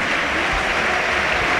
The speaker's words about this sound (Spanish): Toni Martínez aplaude Mendizorroza, se va ovacionado y vamos a ver si no es grave el delantero.